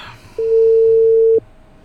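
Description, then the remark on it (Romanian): A single one-second burst of a steady, mid-pitched phone ringing tone, clear and fairly loud over a faint low hum, with no voice and no answer, from a repeated call to the president that goes unanswered. “Pac, sun într-una la domn președinte, dar nu răspunde.”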